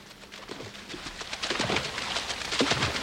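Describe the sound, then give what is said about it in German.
Water splashes and patters steadily, with irregular bursts of sloshing over a continuous hiss, growing slightly louder toward the end. No one speaks. “Im Hintergrund hört ihr das Wasser platschen.”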